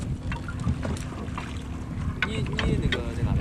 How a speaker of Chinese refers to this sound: 入秋之后，生活在湖边的渔民就开始忙碌起来。伴随着渔船此起彼伏的马达声，他们竞相收获着大自然的馈赠。